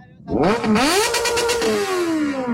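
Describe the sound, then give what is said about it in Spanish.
A motorcycle engine revs up into a loud roar for the listeners of radio station 949, its pitch climbing sharply, then holding as a steady, throaty drone that eases slightly toward the end. “Échese ahí un rugido para la gente de 949, por favor.”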